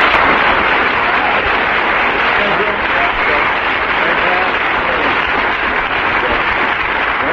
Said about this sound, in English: I'm going to ask the audience to indicate through their applause which team they thought won that one.